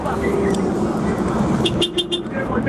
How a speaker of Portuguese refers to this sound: a diferença da buzina aí, ó, da Scania.